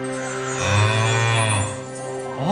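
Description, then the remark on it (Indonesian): A golden calf statue sounds as the wind blows: a deep, drawn-out cow-like moo swells and then tapers off, with another low lowing call rising right at the end. No voices are heard. “Begitulah bunyi patung itu setiap kali angin bertiup.”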